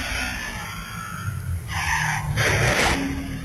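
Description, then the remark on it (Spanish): A motorcycle accident in front of Chedraui, recorded on a video camera: a steady engine rumble, then a harsh skidding scrape that swells into a louder grinding burst before cutting back to the engine noise. “Y lo malo es que ahora cuando quedas grabado en video, no hay más que la burla de tus amigos de saber que tú fuiste el que se accidentó en la motocicleta allá frente a Chedraui.”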